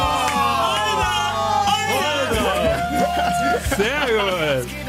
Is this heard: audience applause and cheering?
yes